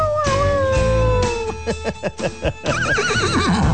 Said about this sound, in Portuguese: Até o cachorro chora